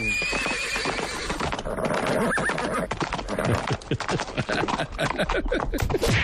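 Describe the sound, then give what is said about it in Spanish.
A horse neighing and falling sound effect: a horse whinnies loudly, followed by a rapid jumble of hoof clatter and heavy thuds, like the animal stumbling and crashing down. No one speaks. “Está teniendo una epifanía, se está cayendo del caballo.”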